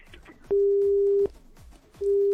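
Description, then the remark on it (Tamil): A telephone busy tone sounds after a caller to a phone-in program hangs up: a steady, mid-pitched beep holds for about three-quarters of a second, pauses, then starts again, loud over faint background noise. “பேரை திருப்பி நம்ம கேட்கலான்னு சொல்லி அதுக்குள்ள போனை கட் பண்ணி போயிட்டாங்க.”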